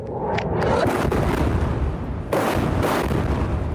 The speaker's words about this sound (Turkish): Han Yunus topçu atışlarıyla vuruldu. Büyük patlama sesleri duyulurken şehitlerin sayısı da yükseldi.